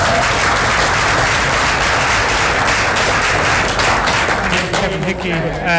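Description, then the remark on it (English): A crowd of people applauding steadily for a winner of the Spirit of the Mother Jones Award, a dense, loud wash of clapping that holds for several seconds before starting to thin out, with a voice beginning to speak near the end. “So I think we just give a round of applause.”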